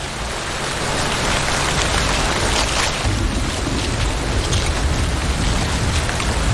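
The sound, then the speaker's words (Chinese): Steady, heavy rain pours down without a break, a dense hiss of drops spattering and sliding off tree leaves. No voices, just the continuous wash of the downpour. “雨下得更大了，雨滴顺着树叶滑落，淋湿了巢中的欧戈东雏鸟。”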